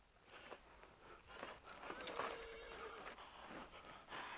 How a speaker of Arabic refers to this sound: صهيل الحصان ينبئ بقدوم أحد.